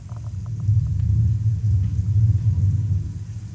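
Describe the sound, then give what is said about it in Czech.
A recorded thunderstorm, picked as number five from the sounds a visitor can select in an exhibition, plays as a deep, continuous low rumble rolling steadily throughout, like thunder, with faint higher ticks and patters early on; no one speaks. “A můžu ještě poprosit třeba o bouři, pětka. Pětka bouře.”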